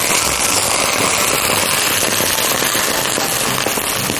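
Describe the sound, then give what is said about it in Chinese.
Boiling water is poured onto fish bones that were cut into small pieces and fried until crisp and golden brown, to make a fish soup. It sets off a loud, steady roar of sizzling and popping crackles that runs unbroken for several seconds, with no voices. “这时候，加入开水。”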